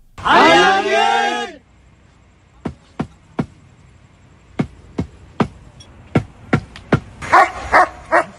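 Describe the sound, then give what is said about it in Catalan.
Trained search dogs looking for survivors after earthquakes: a dog gives a long, wavering whine, then short barks break out near the end, mixed with sharp, irregular knocks and taps spaced across the quiet middle. “Treballem amb gossos ensinistrats, també en equips de detecció.”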